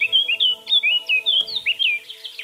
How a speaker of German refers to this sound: auf der Webseite von der Vogelwarte Sempach kann man nämlich hören, wie der pfeift, die Mönchsgrasmücke